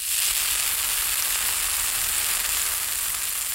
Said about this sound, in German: Lecker, da brutzeln sie in der Pfanne, die evangelischen und die katholischen Bratwürste.